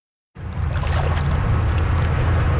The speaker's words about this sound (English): On a hot summer day in the Whitewater Rapids at Harvey Passage, that is the place to be.